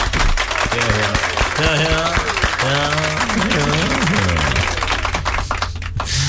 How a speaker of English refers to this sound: Well done, Ziham. Another round of applause for Ziham.